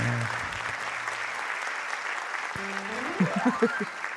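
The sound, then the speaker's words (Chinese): Steady, dense audience applause fills the whole stretch at an even loudness, with a low tonal hum at the start and a rising run of pitched notes near the end. “哦，感谢大家满满的掌声哈、哦。”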